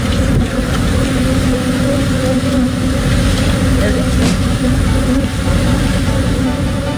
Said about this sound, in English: Millions of bees escaped from a semi-truck that overturned in Texas. It was carrying beehives, and it crashed. Here's actual sound from the scene.